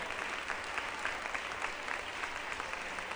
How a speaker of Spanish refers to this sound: Démosle un aplauso al Señor en este día. Gloria a Dios.